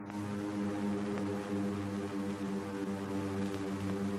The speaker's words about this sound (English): Suddenly could be heard the steady hum of aircraft engines.